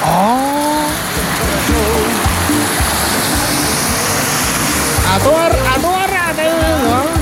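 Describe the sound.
Steady, dense rain hisses continuously outdoors at hot springs, loud, while people talk and exclaim over the constant wash of falling water.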